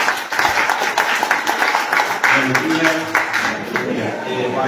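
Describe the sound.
An audience claps steadily for several seconds, a dense crackle of many hands that stays loud throughout, with a few voices murmuring underneath toward the end.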